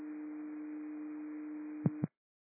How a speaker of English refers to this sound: Med 7, receive tones. District 39, did you copy tones?